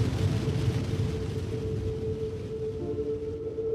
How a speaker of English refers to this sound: I can smell all the desert plants, greasewood and sagebrush. The Navajo call this Nitsahalchin. We're getting some good rain right now. It's great.